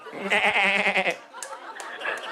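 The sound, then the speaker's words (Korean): A person on a phone call mimics a goat's bleat as a party trick, a loud, wavering, nasal vibrato lasting about a second, followed by quieter breathy vocal sounds trailing off. “계속 염소 소리만 계속 내보세요.”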